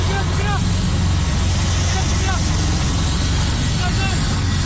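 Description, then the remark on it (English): A military helicopter descends onto a remote hill in Indonesia's Papua region where a burnt-out plane was found, its loud, steady rotor drone a continuous low rumble, with faint bits of voices breaking through now and then. “A military helicopter descends onto a remote hill where the pilot and his burnt-out plane were found.”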